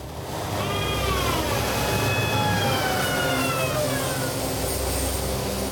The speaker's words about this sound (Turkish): Şanzımandan bir uğultu geliyor. Yağ eksikmiş gibi ses çıkarıyor ama daha yeni doldurduk.